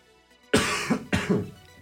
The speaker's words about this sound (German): Kurzer Huster am Rande, bin ein bisschen erkältet, vielleicht hört man es auch.